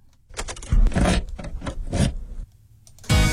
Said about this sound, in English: correctly identifying this is a car sound, and again, a bit nostalgic, taking you back to the times where you used an actual key to open the car door.